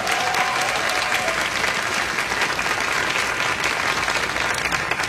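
Steady, dense audience applause for the keyboard player at a show fills the whole stretch, many hands clapping at an even loudness with no clear rhythm and no voices standing out.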